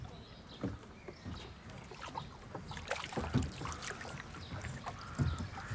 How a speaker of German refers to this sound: Guck mal, dann geht das Paddel geht so durchs Wasser und dadurch entsteht halt so ein Vortrieb.